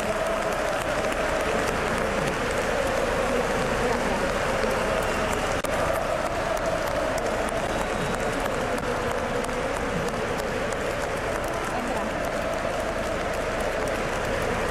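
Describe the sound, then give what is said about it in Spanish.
Thunderous applause from a crowd of 18,000 volunteers at IFEMA, a dense, steady roar of clapping that stays loud and unbroken for the whole stretch, with crowd noise mixed in. “El IFEMA se cae con el aplauso de los 18.000 voluntarios.”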